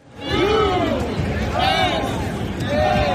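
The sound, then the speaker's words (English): A dense roar of a rowdy crowd of more than 70,000 at a sunny World Cup soccer match between the U.S. and Turkey in Los Angeles, Southern California, with loud rising chants and whoops cresting over a constant wash of cheering voices, steady and loud throughout. “It was a rowdy crowd of more than 70,000 who turned out in sunny Southern California to see the rare World Cup game that didn't really matter.”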